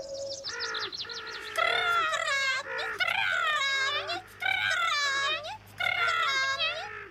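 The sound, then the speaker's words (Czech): Bird calls come in four close bursts of high, wavering, quavering notes with short pauses between, loud and near, over a faint steady low hum. “No to se rozumí, jen si poslechněte kukačku s vránami.”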